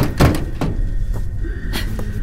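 Heavy, muffled thuds of someone banging on a closed door: a strong first blow, then a few scattered, weaker knocks over a low background hum, with no voices.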